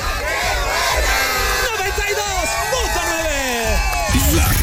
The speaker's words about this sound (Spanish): ¡Denme su grito bien fuerte del grito mexicano! ¡Una, dos, tres! Ya se lo saben, porque aquí en Coyoacán y en todo México se grita bien fuerte. ¡Aquí suena!